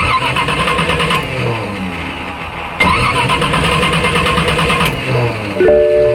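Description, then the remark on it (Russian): An old car engine cranks and sputters repeatedly, straining to turn over in several rough, grinding bursts, loud, with no voices. “Опять? Изводит старая машина?”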